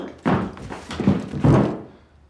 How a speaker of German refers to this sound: Was wird das jetzt? So fällt ein normaler Mensch um.